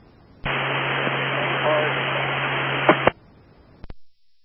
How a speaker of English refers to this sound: Radio isn't working for some reason. This one in the office is like static